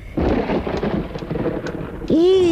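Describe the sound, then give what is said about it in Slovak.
A deep, rolling rumble of thunder rises and lingers for a couple of seconds, fairly loud, as clouds gather over a castle, signalling an approaching storm; a voice cuts in right at the end. “Iha, nad hradom sa mračí. A to už bude každý deň pršať.”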